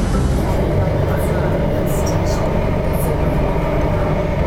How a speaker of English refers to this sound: But anyway, my train is here, so I'm gonna get going.